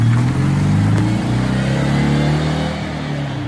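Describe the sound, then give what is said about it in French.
A Citroën 2CV engine runs with a loud, buzzy, throbbing low drone, its pitch wavering slightly as it revs steadily for a few seconds with no talking. “Le son très caractéristique de la deux chevaux qui ne sera forcément plus le même puisque la nouvelle version sera électrique.”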